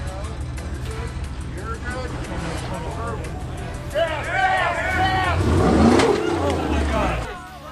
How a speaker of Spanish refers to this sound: El off-roading consiste en escalar y bajar montañas con autos todoterreno. Y obviamente es considerado un deporte extremo.